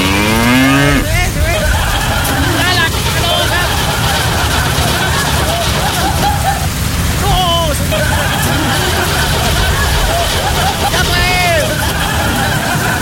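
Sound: cow mooing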